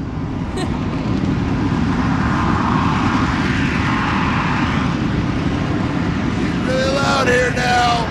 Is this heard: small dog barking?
no